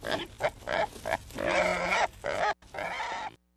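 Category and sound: animal, wild hog grunting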